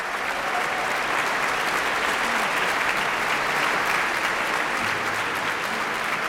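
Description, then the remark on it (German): Sustained, dense concert applause for 27-year-old Austrian-Chinese violinist Ziyue He after Paul Hindemith's Violin Concerto, played with the Tonkünstlerorchester Niederösterreich under Hans Graf, a steady wash of many clapping hands holding an even loudness with no voices standing out. “Applaus für den erst 27-jährigen österreichisch-chinesischen Geiger Ziyue He.”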